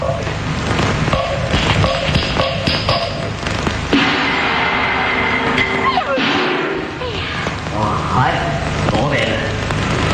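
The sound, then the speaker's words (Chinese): A quick series of firm, rapid knocks on a wooden door by someone wanting it opened, followed by voices talking over a busy background. “哎呀，喂，刀头老爷嚟，点解唔开门啊？”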